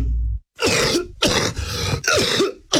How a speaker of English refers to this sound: Maybe you've experienced a COPD flare-up in the past, where your symptoms suddenly got worse. You were coughing a lot and you found it hard to breathe.